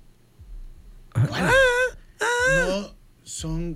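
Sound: wordless wailing female vocals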